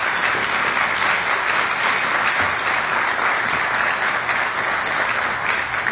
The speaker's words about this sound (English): I'm grateful for their dedication, professionalism, and stewardship of this sacred place, and I hope you'll join me in giving them a round of applause.